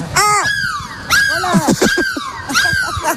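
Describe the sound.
A person imitates a seagull's cry as a goodbye on the Énergie radio bus show, with loud, shrill, wavering squawks falling in pitch, repeated in about three bursts with no other talk.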